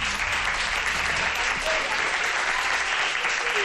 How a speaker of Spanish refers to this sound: Que se note el ambiente festivo. A ver, un aplauso de todos los asistentes.